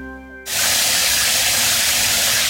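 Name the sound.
running shower water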